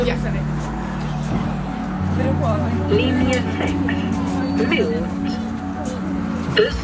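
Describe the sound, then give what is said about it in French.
A bus pulls in at a school with a deep, steady engine rumble that shifts pitch partway through as it slows, while indistinct voices murmur in the background. “Le bus arrive.”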